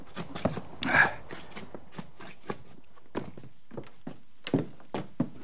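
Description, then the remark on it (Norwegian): Heavy boots stamp snow off on a hard surface before entering a cabin, a dozen or so irregular muffled impacts with one louder scuffing stomp early on, and no voices. “Du, da tramper vi på snøen før vi går inn.”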